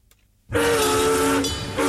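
After a brief moment of quiet, a loud train horn blares in one long sustained blast over the rumble of a rolling train, dipping briefly before swelling again.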